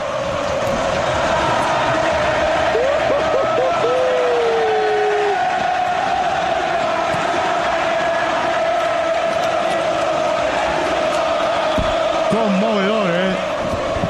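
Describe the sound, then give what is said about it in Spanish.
A stadium crowd at La Bombonera roars and shouts in a dense, unbroken wall of noise as fans rise, excited about the Copa Sudamericana, with brief horn-like tones wavering above the din early on and again near the end. “Impresionante, se levanta, la gente está entusiasmada, tiene mucha ilusión con esta Copa Sudamericana, ¿no?”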